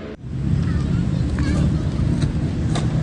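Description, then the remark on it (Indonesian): A steady, fairly loud roar of road traffic on Jalan Jenderal Ahmad Yani, beside the skateboard arena at Taman Link In Park, Rawasari, Central Jakarta, with cars and motorcycles rumbling past and engine hum rising and falling throughout. “Deru mobil dan sepeda motor di Jalan Jenderal Ahmad Yani tak mengalihkan perhatian para pemuda di Taman Link In Park, Rawasari, Jakarta Pusat.”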